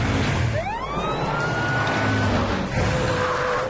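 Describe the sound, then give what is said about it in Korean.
A fire truck siren winds up in a rising wail and then holds a steady high tone, loud, over a constant rumbling background with no talking. “렉스는 T-Rex가 소방차를 돌아볼 수 있도록 얘기해주고.”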